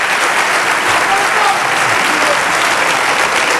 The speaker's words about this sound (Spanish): Mira, hay una bandera allí de Ceuta. Bien. Un aplauso y un saludo para Ceuta.